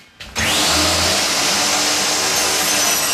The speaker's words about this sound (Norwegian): har fortsatt godt håndlag med saga